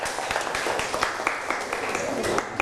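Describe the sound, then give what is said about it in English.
A class claps their hands for a classmate, a steady patter of many overlapping claps with a few sharper, louder strikes. Faint voices murmur underneath. “Clap your hand for her.”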